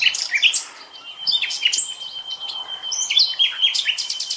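A nightingale sings alone: fast bursts of bright chirps and trills alternate with a long, steady high whistle, the phrases rising and falling in varied, lively rhythm.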